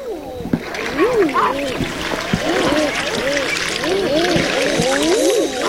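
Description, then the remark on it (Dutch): A flock of common eiders giving courtship calls: many soft, rising-and-falling cooing 'ah-ooo' notes overlapping steadily, with a background wash of splashing water. “Dat is de balsroep van de eider.”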